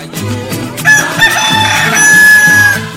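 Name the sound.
rooster crowing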